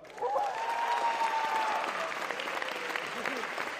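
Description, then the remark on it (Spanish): A crowd applauds steadily for the school Prepa 9, a dense wash of clapping that holds at a fairly loud level throughout, with a faint whistle or cheer near the start. “Un aplauso para la prepa.”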